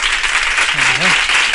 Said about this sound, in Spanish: Bueno, un aplauso, ¿no?